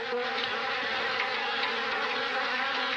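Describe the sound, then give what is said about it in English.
A dense, continuous buzzing of many angry bees swarming out of a beehive in a tall tree after it was struck, loud and agitated with a steady droning hum and no pauses, without any voices. “The bees swarmed out in fury, buzzing and stinging.”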